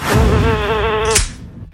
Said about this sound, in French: C'est un moustique. C'est une mouche. Ouais, une mouche, ouais.